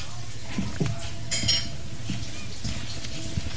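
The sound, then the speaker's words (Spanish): Ceramic plates clink and scrape as someone picks them up from a table and stands up, with a few bright clatters around the middle over a low steady background hum. “Coge los platos, se levanta.”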